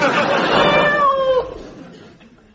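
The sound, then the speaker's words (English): A single loud, drawn-out meow from the cat on the show Candid Cat, with a wavering pitch that ends in a brief upward twist before fading into quiet. “And unbeknown to them, they're being watched by a cat.”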